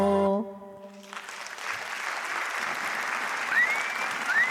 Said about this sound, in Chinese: 感谢大家的这个掌声，谢谢大家哦。